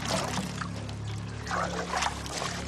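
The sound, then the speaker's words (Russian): A young woman splashes kerosene onto straw in wet bursts, with a steady pour and a second heavier splash midway, over a faint low hum. “Девушка плещет на солому керосин.”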